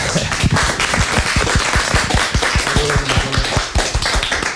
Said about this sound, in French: Ben, on peut encore vous applaudir.